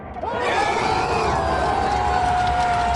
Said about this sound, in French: Ils étaient des dizaines à suivre la rencontre dans les cafés de Tunis, drapeau marocain sur les épaules ou simplement le regard rivé sur l'écran. Au coup de sifflet final, les applaudissements éclatent.